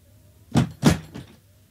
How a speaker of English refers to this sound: and close the door as you go.